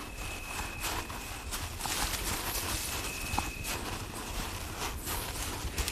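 Footsteps crunch steadily along a trodden dirt path through bushes outdoors, a continuous rhythm of steps over a bed of rustling ambience and a faint steady high hum.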